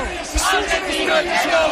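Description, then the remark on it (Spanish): A celebrating crowd of Argentine fans shouts loudly together, a dense, continuous roar of many voices with rising cheers and bellows throughout. “Y esto lo escucháis, compañeros, ¿no? Gritos de argentino, el que no vote, y Fabián, Borja Iglesias, Rodri, todos salen a saltar en primera fila.”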